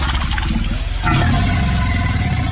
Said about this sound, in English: This was face to face with an alligator. It sounds like a friggin' dinosaur.